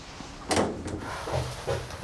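A locked door rattles in its frame, a few jolting shakes and clunks: a sharp burst, another, then softer rattles. No one speaks.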